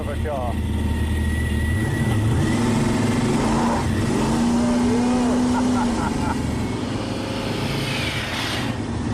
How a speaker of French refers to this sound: le bolide de Mark Patton, dont le moteur de 7 litres 6 boosté au protoxyde d'azote